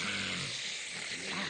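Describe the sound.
A person imitates a snorer with sleep apnea: a loud snort, a rough, raspy gasp of breath as breathing resumes after a pause, harsh, lasting about a second and a half.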